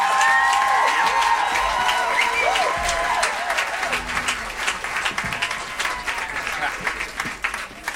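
An audience claps steadily in a dense, continuous wash of applause, with whistles and cheers riding over it early on before the clapping thins slightly toward the end.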